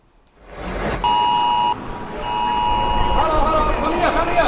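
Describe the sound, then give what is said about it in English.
Air raid sirens in Taipei, Taiwan, during a drill in the annual war games, sound in steady, droning tones, cutting out briefly and resuming, then shifting into a wavering, rising-and-falling wail over a constant rumble of background noise as streets are evacuated and buses pull over. “Air raid sirens are going off.”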